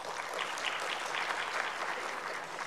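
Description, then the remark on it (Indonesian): A steady burst of audience applause for Indonesia's Minister of Home Affairs, Muhammad Tito Karnavian, dense overlapping claps at a constant moderate loudness throughout, with no voices heard over it. “Tepuk tangan dulu buat beliau.”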